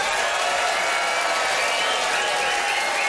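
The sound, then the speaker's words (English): An audience in Yellowknife applauds steadily and fairly loudly, voting by applause for Graham Clark in a dog sledding debate. Dense overlapping claps form a continuous wash of sound with no pauses, filling the whole stretch. “It's time to vote by applause.”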